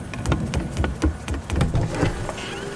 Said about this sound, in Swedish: Titta, Bubbel. Det är inte åska. Det är en flygande dammsugare som mullrar.